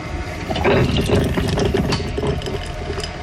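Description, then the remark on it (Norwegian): A coffee machine brews with a steady mechanical hum, bubbling, gurgling water and a hissing spray, fairly loud and continuous for a few seconds with no voices. “Noe som var kaffemaskina”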